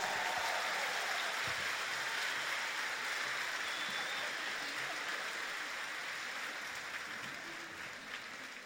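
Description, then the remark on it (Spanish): A crowd applauds in praise of the Lord, a dense wash of clapping that holds strong for several seconds before tapering off slightly near the end, with no voices over it. “Entonces un aplauso más fuerte para Él.”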